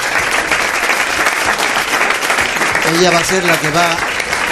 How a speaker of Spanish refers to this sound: Pido un aplauso para ella, que luego no nos va a dar tiempo.